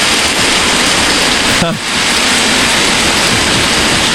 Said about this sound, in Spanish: Entro a la aplicación y me pongo este. Sonido de lluvias y tormentas. Hermoso. Y cada tanto se escucha un trueno.